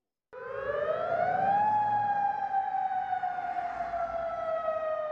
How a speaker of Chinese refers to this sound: 约旦首都安曼晚上也响起防空警报，警告民众，相信是伊朗导弹穿越领空飞往以色列。